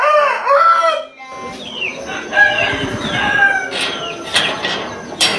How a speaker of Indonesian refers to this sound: Suara koko ayam bersahutan.